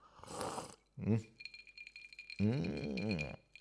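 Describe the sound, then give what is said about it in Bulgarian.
A brief sip of a drink that is not water from a glass with a light clink, then a short voiced sound and a longer drawn-out vocal exhale. “сега ще чуеш как отпивам. Ме това не е вода.”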